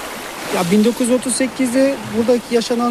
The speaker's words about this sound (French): Nous sommes sur les bords de la rivière, près de la petite ville d'Ovacık